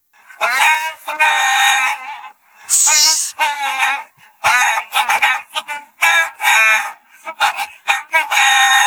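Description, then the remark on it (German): A song melody sung entirely in imitation chicken clucks and squawks for a song-guessing music quiz on Ego FM, phrased in rhythmic bursts with short pauses, loud. “Songs erkennen, die mit Hühnergegacker nachgesungen werden.”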